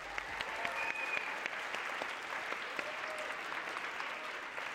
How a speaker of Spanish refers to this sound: Denle un aplausote a Luis, por favor.